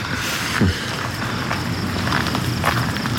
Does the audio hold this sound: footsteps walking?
yes